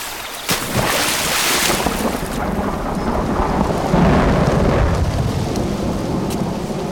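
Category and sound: nature, rain falling outside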